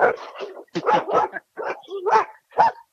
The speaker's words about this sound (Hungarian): És közben itten kutyák vannak.